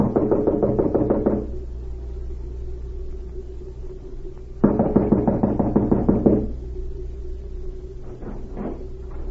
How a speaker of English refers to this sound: An hour later, the spy cavalier knocked at the door of a small cottage and was admitted.